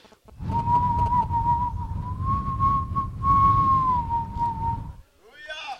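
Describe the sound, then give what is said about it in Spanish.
A soft, sustained whistle imitates a gentle breeze, the still small wind of the biblical story of Elijah, holding one steady pitch for about four seconds over a breathy, rumbling hiss before breaking off abruptly. “Un viento con un silbo apacible.”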